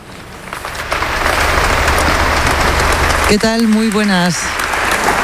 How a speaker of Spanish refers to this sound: Lo que estás escuchando ahora mismo en directo son los aplausos al discurso que ha dado su santidad el Papa León XIV aquí en la Abadía de Montserrat, un evento que te llevamos contando durante toda la mañana.